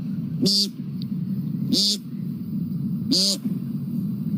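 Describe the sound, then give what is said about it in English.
A person vocally imitates an American woodcock's nasal, buzzy peent call three times, evenly spaced about a second apart, each call short, over a steady low rumble. “Next, the American woodcock.”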